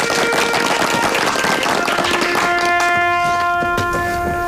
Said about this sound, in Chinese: 下面请首长给大家讲话，大家鼓掌。